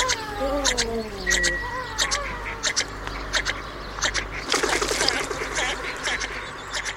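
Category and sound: bird, bird call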